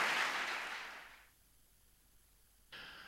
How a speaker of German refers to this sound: Begeisterter Applaus für Max Gold mit einer Aufnahme aus dem Jahr 2004, glaube ich, 2003 oder 2004, aus dem Hörbuch Vom Zauber des seitlich dran Vorbeigehens.